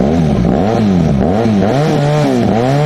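A large-displacement 1250 motorcycle engine, one of four motorcycles suspected of illegal modification found by police at a car repair shop, revs loudly, its deep rumble rising and falling in several quick throttle surges over a steady idle, with no one speaking.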